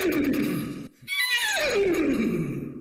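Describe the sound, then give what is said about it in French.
A person imitates a horse whinny: a loud, quavering squeal that rises, breaks briefly, then slides down in a long shaky descending neigh, with no talking. “Mais je vais vous faire le cheval, si vous voulez.”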